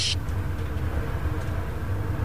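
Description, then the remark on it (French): Steady low engine rumble and road noise inside a moving city bus in Paris, a constant, fairly quiet drone with a brief hiss at the very start and no voices. “Sympa ce bus.”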